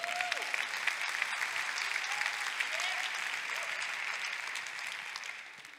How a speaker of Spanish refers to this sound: Dale un aplauso.